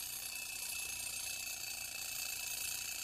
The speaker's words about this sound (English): Don't you hear that alarm clock? Get on out of that bed and wash your simple head. Can't you hear that alarm clock? I said, get out of that bed and get prepared to go.